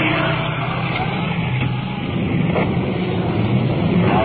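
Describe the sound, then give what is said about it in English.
A big fire pumper truck rolling code 3 rumbles past a vehicle pulled over at the curb. Its heavy engine is a steady, low, dense roar that holds at an even loudness for a few seconds, with no siren or voices audible. “We've pulled over the curb to allow a big pumper truck to roll past us.”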